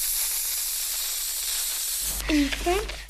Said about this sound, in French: c'est une pompe pour gonfler les ballons en baudruche